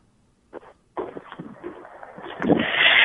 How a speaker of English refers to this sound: Oh, Lord. What's that noise? Are you climbing off the car? I'm climbing off the car.